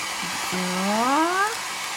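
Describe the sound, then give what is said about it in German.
A hair dryer, set below full power, blows onto growing cress with a steady, airy hiss, and midway a whining motor tone glides upward in pitch for about a second before the plain rush of air continues. No one speaks. “ich gebe nochmal so einen kleinen Hauch Föhn auf meine Kresse drauf”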